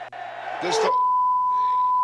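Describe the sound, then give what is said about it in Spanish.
A loud football stadium crowd roars a homophobic chant briefly, then a steady, high-pitched censor beep cuts in and holds to the end, masking the crowd's voices. “Ese era el grito, que aquí es un bip, por supuesto.”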